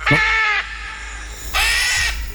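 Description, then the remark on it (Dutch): Two loud, harsh squawking calls from a green-winged macaw, a parrot, each about half a second long with a pause between, raspy and bleat-like, with no other sounds. “Het is een papegaai, een groenvleugelara.”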